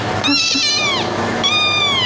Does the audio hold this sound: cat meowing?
yes